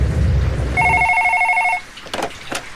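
A telephone rings once with an incoming call, a rapid, warbling electronic trill lasting about a second, fairly clear over a low background rumble, followed by a few faint clicks.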